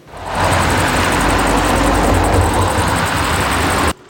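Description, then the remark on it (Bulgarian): Dozens of cars drive out of Bezmer airbase around 15:30 in a steady stream, staff leaving after their shift, filmed from a distance; a continuous engine rumble and road noise fill the scene without pause before cutting off abruptly. No one speaks. “Около 15.30 часа десетки коли напускат авиобазата.”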